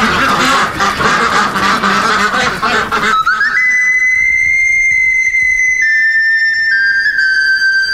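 Loud, rapid duck quacking fills the first few seconds, then gives way to a long, steady high whistle that shifts pitch slightly near the end. No one speaks.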